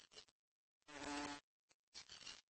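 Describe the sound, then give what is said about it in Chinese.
A flower fly buzzes in several short bursts, a steady droning hum that swells loudest in the middle burst, with brief silences between passes and no voices. “对花蝇的嗡嗡声做出了反应，他们假装自己是花朵，”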